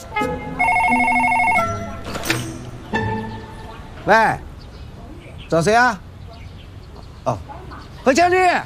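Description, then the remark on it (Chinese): A telephone bell gives one short, bright trilling ring near the start, followed by a few scattered bursts of speech from voices. “喂，找谁啊？”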